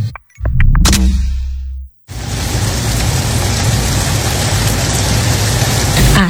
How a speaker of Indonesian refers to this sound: Asik, hujan deras. Tidur makin nyenyak nih. Taulah Ikam, suara hujan masuk dalam kategori white noise yang bisa membantu kamu tidur lebih nyenyak.